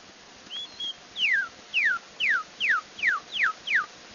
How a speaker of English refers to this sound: Kentucky Cardinal or Redbird.